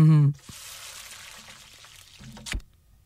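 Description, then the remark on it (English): A steady, fairly quiet sizzling hiss like food frying in a pan lasts about two seconds, framed by short tonal bursts at the start and end. “That was a bit quiet. Sizzling hot should sound different.”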